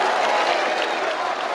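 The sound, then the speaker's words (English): A large baseball crowd in Morgantown applauds and cheers steadily during a regional final against the Kentucky Wildcats, a dense wash of clapping and shouting that stays loud and even throughout, with no individual voice standing out. “Silence the crowd just a tad.”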